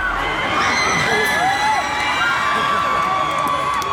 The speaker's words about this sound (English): The crowd pop was amazing there, huh?